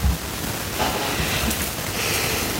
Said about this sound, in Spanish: Bueno, una vez más acá, con lluvia, este trueno, el relámpago y de todas las cosas, estamos acá para darle alguna información a nuestro deportista de Aquepirque.